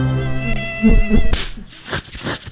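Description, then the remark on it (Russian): A mosquito's thin, droning whine buzzes loudly for just over a second, then breaks off into a burst of broader, noisier sound. “Избавиться от зуда может быть проще, чем от комара.”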